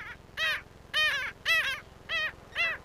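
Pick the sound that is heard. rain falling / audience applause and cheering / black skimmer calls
black skimmer calls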